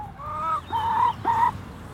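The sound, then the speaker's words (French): Three hens, with no rooster, clucking in a garden on a cool, damp day, with three drawn-out, nasal calls in quick succession against a quiet outdoor background. No one is speaking. “Pas poule. On a trois. Pas de coq.”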